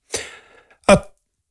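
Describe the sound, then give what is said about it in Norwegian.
Two harsh coughs from a bingo caller reading out numbers, the first with a ragged trailing rasp and the second shorter and louder, separated by a brief pause with no talking. “Litt dårlig holdsen i kveld, så hoster litt.”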